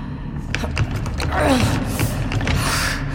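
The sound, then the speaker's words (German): A door mechanism creaks open, a drawn-out groaning squeal sliding downward midway, surrounded by scattered mechanical clicks and knocks over a low steady rumble. “Noch eine Tür.”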